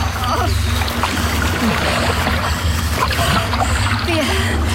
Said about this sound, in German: Es war nicht ganz einfach, das Land zu erreichen. Aber mit einigen Mühen schafften wir es. Mit vereinten Kräften wuchteten wir anschließend unser vollbeladenes Boot so weit aus dem Wasser, dass die Brandung es nicht mehr wegspülen konnte.